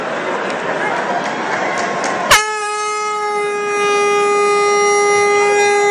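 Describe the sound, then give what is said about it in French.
A loud, steady match siren blares suddenly over a noisy stadium crowd at a game involving the team from Nice and holds its tone to the end, the crowd din continuing underneath. “Si vous ne l'avez pas entendu, c'est la sirène.”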